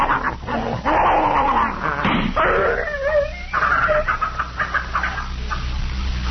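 A poisoned dog named Tiger, being held after vinegar was tried on him, yelps and whines in pain and tries to bite, a loud string of high, strained cries and wavering whimpers that run together over several seconds, with no talking.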